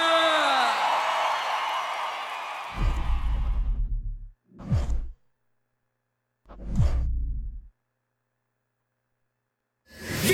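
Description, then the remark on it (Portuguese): A loud crowd roars and cheers for a few seconds, then the noise cuts off and gives way to short, deep bursts of amplified voice with silences between them. “Palmas, palmas, palmas!”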